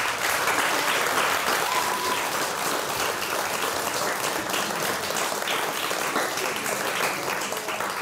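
Sustained audience applause for a pupil accepting a writing prize at an award ceremony fills the whole stretch, a dense, steady patter of many hands clapping, holding an even loudness throughout without any voices on top.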